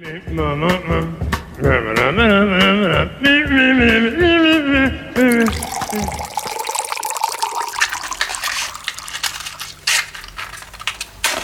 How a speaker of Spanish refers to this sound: Calentamos el agua y continuamos con más. Entre mate y mate.